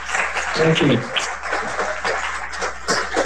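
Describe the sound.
An audience claps for their bishop in a dense, continuous burst of applause, with a voice briefly rising over the clapping near the start.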